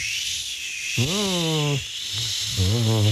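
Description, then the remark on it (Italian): Cold wind blowing, rendered as a steady airy hiss with a voice imitating the wind in two low, moaning, gliding whoos, the first longer and the second rising at the end. “Sentite il vento? Arriva sempre quando raccontiamo le leggende dei paesi del nord.”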